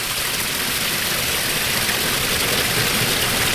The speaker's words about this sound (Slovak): O chvíľu by sme mali začuť aj zvuk vodopádu. Zatiaľ je to len zvuk Bystrého potoka.